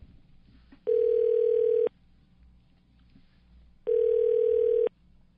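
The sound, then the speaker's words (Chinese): A telephone ringback tone purrs twice, each steady one-second burst followed by a pause, heard clearly over a faint low background hum with no one speaking, as a radio show host phones a guest for an interview. “是的，好，电话通了啊。”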